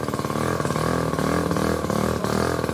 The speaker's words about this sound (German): Klingt wie ein Moped oder wie ein Rasenmäher. Sieht aber aus wie ein Auto. Ja? So Mikrocars sehen wir mittlerweile immer häufiger.